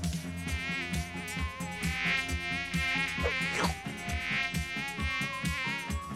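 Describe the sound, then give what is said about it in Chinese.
During a word-guessing acting game, a person imitates a fly with a steady, droning buzz, held for several seconds over a rhythmic musical backdrop with regular low thumps. The buzz is fairly loud. “你当那个苍蝇，你当苍蝇。”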